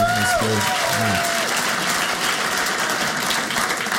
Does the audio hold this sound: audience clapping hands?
yes